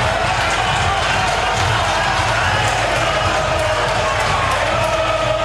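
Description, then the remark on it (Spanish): An angry football stadium crowd at a Boca match, with Boca losing 1-0 at the end of the first half, roars and shouts: a loud, continuous wash of many voices with scattered yells rising out of the din and no pause throughout. “Escuchen. Enojada la gente.”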